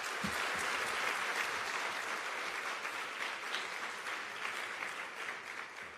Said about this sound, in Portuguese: Podem dar uma salva de palmas para todas as crianças que não estão aqui? Muito forte! Mais forte!